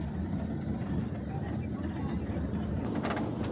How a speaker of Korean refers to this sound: 차가 덜컹거리는 걸 보니 비냐레스에 가까워진 모양인데요.